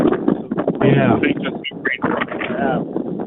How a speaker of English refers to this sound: It must be windy up there. Wind. Yeah. Yeah, it is. It's this typical for this time of day. And I'll try to make this brief because I know nobody wants to hear wind.